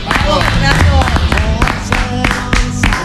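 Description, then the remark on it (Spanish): A crowd gives a sustained ovation for the Argentina national football team after it turned the result around, a dense, steady wash of clapping that stays loud for the whole stretch, with voices talking and cheering over it. “No puedo ser propios estos aplausos, esta ovación, sí.”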